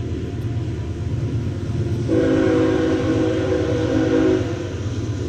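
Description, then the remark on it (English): A train horn sounds one long steady blast of about two seconds over a low rumble of rail traffic, outside NBT Bank Stadium in the Salt City during a baseball game. “Planes and trains and some automobiles outside here at NBT Bank Stadium.”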